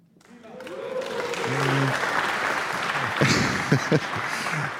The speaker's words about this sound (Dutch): Dat applaus gaan we zo nog eventjes voor onze volgende solisten laten klinken, hoor.